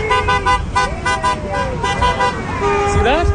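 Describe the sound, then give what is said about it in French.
A passing driver's car horn honks in a quick series of short toots, then sounds again in a longer blast, loud over busy street noise with voices in the background, near a busy intersection in Calgary, Canada. “Vous voyez, le conducteur qui vient de klaxonner est philippin.”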